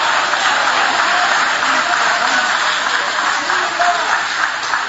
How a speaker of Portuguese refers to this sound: Tem alguém aqui que Deus te tirou do cativeiro? Levante a mão então e aplaude, porque quem sai do cativeiro vive uma reconstrução, vive o novo.